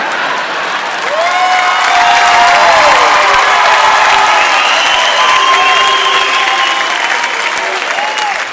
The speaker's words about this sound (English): Booing it doesn't make it less true.